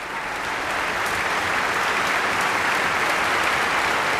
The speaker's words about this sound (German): Und im Saal ist heute auch Tönu Körwitz selbst. Er bekommt hier gerade seinen Applaus, ist mit auf die Bühne gekommen. Xenia Sidorova hat ihn umarmt, genauso Paavo Järvi.